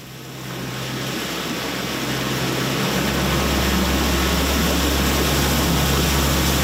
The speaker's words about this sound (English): We are on a boat heading over to Henry Island off Port Hood, a 20-minute boat ride just out of Little Judic Harbour.